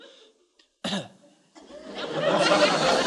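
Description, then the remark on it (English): A boy gives a single short, deliberate cough as a signal, fairly soft, breaking a brief silence, followed by a longer stretch of breathy, rustling noise with no talking. “You don't have to cough all the time. Just when you want to come in. Now, try it.”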